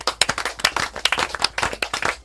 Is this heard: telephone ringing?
no